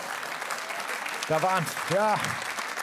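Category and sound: crowd, audience clapping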